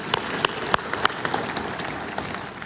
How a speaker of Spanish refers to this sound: Gracias, hermano. Denle un aplauso. Denle, denle.